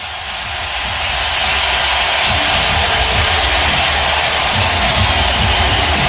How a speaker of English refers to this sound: Listen to this crowd.